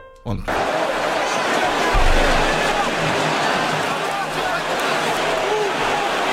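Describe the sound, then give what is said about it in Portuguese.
A sold-out crowd of more than 46,000 Corinthians supporters roars in a stadium before the Corinthians versus Rosario Central match, a dense, steady wall of cheering and chanting voices that swells in right after the start and holds loud throughout. “É a torcida do Corinthians.”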